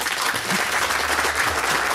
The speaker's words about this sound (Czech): A vítáme samozřejmě naše festivalové publikum, jehož potlesk právě slyšíte.